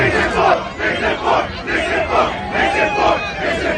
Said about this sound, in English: That's an aggressive chant.